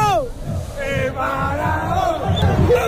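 Belgrano football players shout "¡Vamos!" excitedly over one another as they come off the pitch, their loud, overlapping cries rising and falling continuously.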